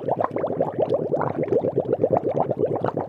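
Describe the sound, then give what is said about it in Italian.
Bubbles gurgle rapidly and steadily as air is blown through a straw into water, a continuous burbling patter of low, wet pops lasting a few seconds with no voices. “E posso anche fare le bolle d'acqua.”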